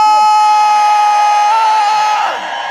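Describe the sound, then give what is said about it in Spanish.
A concert crowd at the Lunario in Mexico City screams and cheers in one loud, sustained roar, with a shrill held note riding on top before the noise eases slightly near the end. “¡Un grito!”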